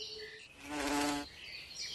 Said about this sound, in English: react to the buzz of a hoverfly.